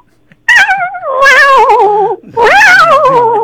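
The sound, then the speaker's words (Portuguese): A man in Niterói imitates a cat with two long, loud meows, each drawn out with a wavering, slightly quivering pitch that rises then slides down, separated by a brief pause. “Faz mais um miado do gato aí pra gente dar tchau.”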